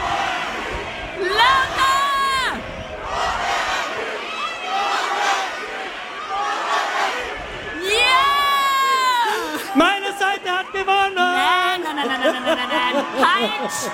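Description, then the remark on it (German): A large festival crowd on the Donauinsel shouts a chant in repeated loud bursts, many voices yelling together with cheers and whoops, dense throughout. “Ihr seid bitte gleich laut, ich glaube an euch, ja? Krone Hit. Krone Hit. Krone Hit. Lauter.”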